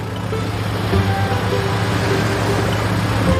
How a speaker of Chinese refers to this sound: 每当渔船马达声响起，白海豚都会露出水面给予回应。